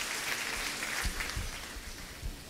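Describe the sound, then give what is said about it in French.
A church audience claps steadily for the spirit of God in a pastor's life, a dense wash of many overlapping hand claps at an even, moderate level with no voices rising above it. “Que bon Dieu bénisse, l'applaudit cet esprit de Dieu dans la vie serviteur.”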